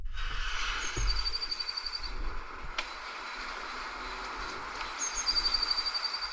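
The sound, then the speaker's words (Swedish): Quick bursts of high, rapid bird chirping come twice, fairly faint against a steady outdoor hiss, with no voices present. “Det känns mer som att man hör kvittret i bakgrunden.”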